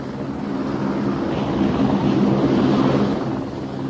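A helicopter drones overhead, a loud, steady rumbling engine and rotor noise that swells around the middle before easing slightly, with no voices.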